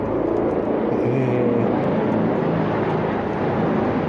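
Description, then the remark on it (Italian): A helicopter drones overhead, a steady, loud low rumble with a faint engine whine that holds for the whole stretch without fading away. No one speaks. “Adesso sta passando un elicottero.”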